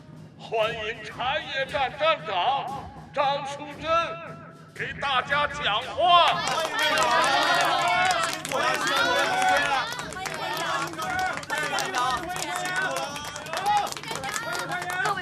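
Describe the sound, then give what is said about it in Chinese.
A crowd in Shangnan County bursts into warm, sustained applause mixed with cheering voices, loud, following several seconds of people talking, as the official founding of the county tea station is announced. “让我们用热烈的掌声。”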